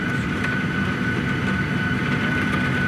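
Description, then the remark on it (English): Pea-sized hail and heavy sheets of rain drum steadily on an airplane's skin as it sits on the airport tarmac 50 meters from the gate during a lightning storm, a dense, unbroken rattle layered over a constant low engine hum and a thin steady whine, with no voices. “Sheets of rain, and you can hear the hail now. Pea-sized hail.”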